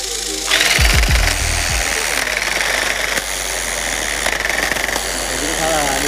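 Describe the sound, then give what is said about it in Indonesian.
A tufting gun punches yarn into patterned canvas during the looming stage, a loud, steady mechanical buzz of rapid punching, kicking in after a brief moment and continuing without pause for several seconds. “Agar pengerjaannya cepat, proses looming menggunakan alat modern yang biasa disebut tapping gun atau mesin tembak menang.”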